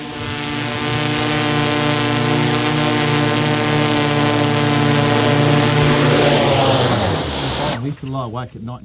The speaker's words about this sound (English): Time to bring the drone home.